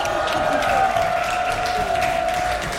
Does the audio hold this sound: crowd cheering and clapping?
yes